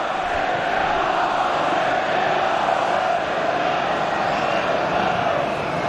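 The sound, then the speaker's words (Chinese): A large football stadium crowd of Manchester City fans applauds and cheers after Guéhi pushes up and wins back possession, a steady, dense wash of sound that stays loud and even from start to finish, with no clear voices standing out. “盖伊这个球上提之后抢回球权，也让曼城队的球迷鼓掌致意。”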